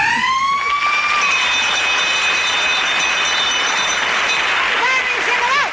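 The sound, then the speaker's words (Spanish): A school bell for recess blares loudly and continuously, a shrill, buzzing electronic tone rich in overtones whose pitch wavers and slides, sounding much like a siren throughout. “Por cierto, el timbre para salir al patio, parecidos razonables.”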